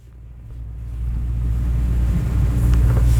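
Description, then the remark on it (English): A low, steady engine drone rumbles, building slightly in loudness as a boat motor runs while the boat heads further out to sea on the Salish Sea, with a faint wash of wind and water noise above it and no voices. “We head further out to sea, and Mark spots several whales spouting in the distance. He shuts off the boat's motor”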